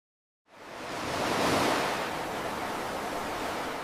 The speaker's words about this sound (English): I love the roar of the ocean and the sounds of the seabirds. But sadly, for too long, I couldn't hear them very well. The sounds were muffled.